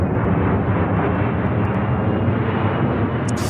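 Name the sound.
airplane taking off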